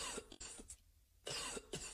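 A person coughs dryly several times in short, harsh bursts, with a brief quiet pause in the middle before two more hacking coughs, played as an example of a dry cough. Fairly loud, with no talking.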